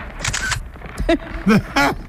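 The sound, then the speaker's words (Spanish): A few sharp camera shutter clicks as a selfie is taken, fairly loud, spaced irregularly with brief voiced sounds between them. “¡Ven, hazte un selfie conmigo! A ver, sonríe... Ahí está.”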